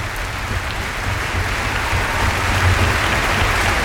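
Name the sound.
audience applause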